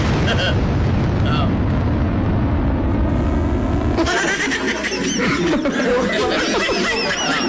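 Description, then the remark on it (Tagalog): A rocket launching into space: a loud, steady, roaring rumble that's deep and heavy for the first few seconds, then turns into a harsher, crackling hiss that keeps going to the end. “Yes, we are going to launch a rocket into space.”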